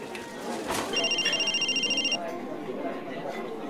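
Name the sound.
mobile phone ringing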